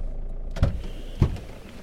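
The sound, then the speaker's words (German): A low, steady car rumble as the vehicle pulls over and comes to a halt just outside Crevis, with two dull clunks about half a second apart and a faint whine fading under them; no one speaks. “Jetzt halt mal an.”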